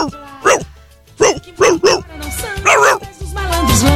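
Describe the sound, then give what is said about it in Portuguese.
A person's voice imitates a rich man's dog barking, with four quick, loud yaps followed by a longer, whiny, drawn-out bark. “O cachorro do rico latindo.”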